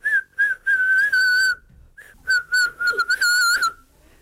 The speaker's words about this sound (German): Mit meiner Stimme kann ich pfeifen.